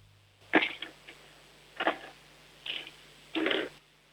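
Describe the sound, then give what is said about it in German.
Pens clatter and roll across a tabletop, rolled by a seven-year-old girl from Upper Austria, in four short, bright bursts spaced about a second apart, quiet, with no voices over them. “Jetzt hätte ich gerne, dass du vielleicht mal ein paar Stifte nimmst und sie über den Tisch rollst, so dass wir sie hören.”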